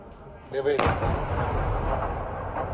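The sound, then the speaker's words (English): A brief whining tone gives way to a sudden, powerful blast as a Russian missile strikes a building in Kyiv, Ukraine, followed by a sustained low roar and rumble of debris that continues for a couple of seconds. “This is the moment one building was struck.”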